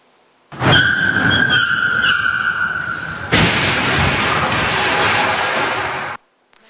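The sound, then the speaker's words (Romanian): A stolen car's engine roars with a high, sustained tire squeal as it leaves a parking lot and drives through the doors of a shopping mall in Australia at 60 km/h, then a loud crash of smashing and scraping debris rumbles on for about three seconds before cutting off. No one speaks. “Pe imaginile camerelor de supraveghere se vede cum șoferul pleacă din parcare și se izbește direct prin ușile clădirii.”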